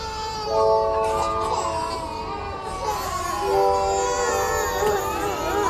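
Several babies in a nursery wail at once, overlapping high, sustained cries that rise and fall continuously, fairly loud, with no break in the chorus.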